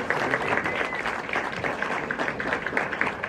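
A crowd applauds steadily, dense overlapping claps forming a continuous, fairly loud patter with no voices rising above it.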